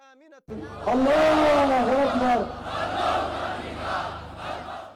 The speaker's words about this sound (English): Hundreds of Ansarilla Houthi supporters have rallied in Yemen's capital, Sana'a. They're celebrating the group's military gains. The crowd chanted in support of the group, performed traditional jab dance and waved the Yemeni flag.